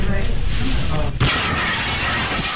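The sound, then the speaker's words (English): Voices and a steady hum are cut off midway by a sudden loud crash as a car smashes through a restaurant window, followed by a sustained, noisy wash of shattering, scattering glass. “This audio we're about to play for you, you're going to hear the crash, the moment it all happened, and then you'll hear them.”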